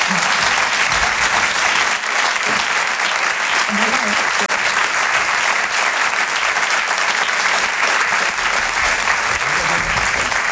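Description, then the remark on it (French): Sustained audience applause for comedian Noël Perna, as his character Mado, at the Rire et Chanson Comedy Club: a dense, steady wash of clapping hands that stays loud and even for about ten seconds without a break. “peut l'applaudir très fort, Noël Perna.”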